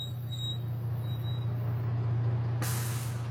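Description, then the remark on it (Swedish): A steady low engine rumble idles throughout, then near the end the air brakes of a packed bus bound for Dar es Salaam, Tanzania, release with a sudden loud, broad hiss that continues to the close. “kliver Daniel ombord på en fullpackad buss”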